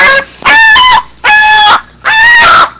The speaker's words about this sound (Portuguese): Sai uma galinha conversando no meio, ó.